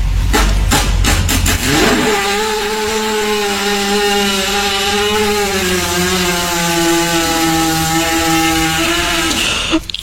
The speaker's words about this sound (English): We just, for those of you who have missed it, that was a horse fart.